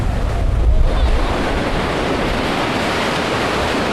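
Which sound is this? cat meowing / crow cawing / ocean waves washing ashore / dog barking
ocean waves washing ashore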